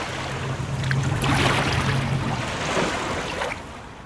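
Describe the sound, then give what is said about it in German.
The Bidasoa river, between Spain and France, flows calmly toward the sea with a soft, broad wash and gentle lapping, accompanied by a low motor-like hum. No voices are heard. “Der Bidasoa fließt ruhig dem Meer entgegen und die Fasaneninsel liegt wieder fast vergessen in der Mitte des Flusses zwischen Spanien und Frankreich.”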